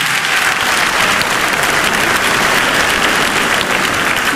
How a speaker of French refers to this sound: Je vais vous demander, s'il vous plaît, de les applaudir et de faire un maximum de bruit pour les jurys qui sont présents ce soir, mesdames, mesdemoiselles, messieurs.